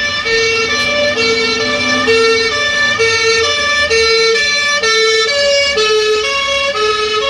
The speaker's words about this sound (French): Par exemple, quand on entend la sirène d'une ambulance qui passe devant nous, on a l'impression qu'elle passe des aigus aux graves, alors que bien sûr, il n'y a aucune variation.